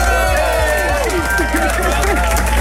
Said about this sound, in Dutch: we hebben hier een 538 kroeg vol met publiek. Lief publiek, mag ik een heel groot applaus voor de beste zangeres van het land